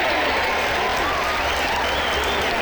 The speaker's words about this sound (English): Now stop all the clapping.